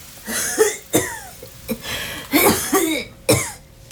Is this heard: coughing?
yes